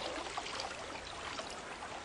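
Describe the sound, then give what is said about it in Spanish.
Steady trickling and splashing water as a moose feeds on aquatic plants, putting its face under the water and plucking plants with its lips; water streams and drips continuously, with no voices. “A los alces les encanta comer plantas acuáticas. Meten la cara bajo el agua y pescan plantas con sus labios.”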